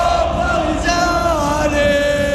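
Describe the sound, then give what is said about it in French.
PSG football supporters cheer at the end of the match in which PSG won its second consecutive Champions League against Arsenal on penalties. A dense, continuous crowd roar carries sustained chanted or sung tones rising out of it, steady in volume throughout. “Écoutez la joie des supporters à la fin du match.”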